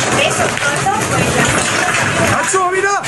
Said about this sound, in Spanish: Este sonido nos llega de Murcia, donde hoy se han alcanzado los casi 45 grados. Un reventón térmico ha provocado estas rachas de viento de más de 80 kilómetros por hora, lluvia racheada y un descenso súbito de la temperatura de esos 45 grados